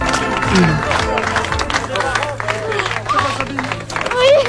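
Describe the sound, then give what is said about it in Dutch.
At the homecoming of a 12-year-old girl held captive for 80 days by Dutroux, reunited with her mother, steady applause and scattered clapping blend with hugging and a crowd of excited, emotional voices. The voices call out and talk over one another, and the whole scene is loud and continuous. “Ja, je ziet volop geknuffel, emotionele stemmen overal, uiteraard ook applaus.”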